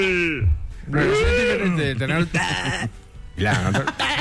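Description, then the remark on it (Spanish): A goat bleats loudly, several wavering, nasal cries in quick succession with brief pauses between them, standing alone without other sounds. “Y el chivo también.”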